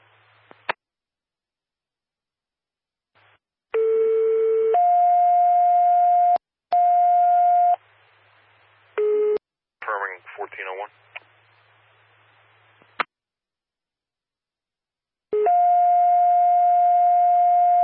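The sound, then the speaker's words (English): Loud radio dispatch alert tones going off in a responder's ear: a short low tone jumps to a long, higher steady tone, repeated several times with sharp clicks, a brief warbling burst and a faint hum between. “Sorry, I had tones going off in my ear.”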